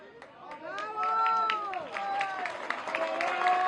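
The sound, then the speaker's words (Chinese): A group of rescue workers claps and cheers at the ruins of an inn in Pereira as a 32-year-old woman, trapped about 36 hours after a strong earthquake, is rescued: irregular sharp hand claps run throughout under loud, rising and falling shouts and whoops from several voices. “在场多名救援人员欢呼鼓掌。”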